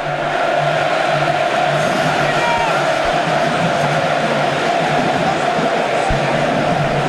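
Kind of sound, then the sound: crowd, stadium crowd cheering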